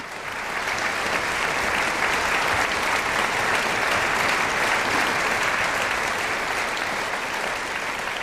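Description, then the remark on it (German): A concert audience in the sold-out Apollo-Theater in Siegen applauds steadily after pianist Bernd Glemser's farewell piece, Rachmaninoff's Prelude in G-sharp minor, Op. 32 No. 12; a dense wash of many hands clapping that swells in within the first second and holds at full strength throughout. “Bernd Glemser ist der Solist bei diesem Widder-Drei-Städte-Konzert Siegen mit dem Prälude Gismoll, Opus 32, Nummer 12 von Sergei Rachmaninow, hat er sich von dem begeisterten Publikum in Siegen verabschiedet.”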